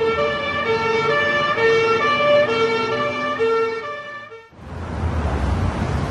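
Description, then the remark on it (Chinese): An ambulance siren wails loudly in a steady two-tone pattern for about four and a half seconds, then cuts abruptly to a broad rushing noise like traffic or wind. “快叫救护车，快！”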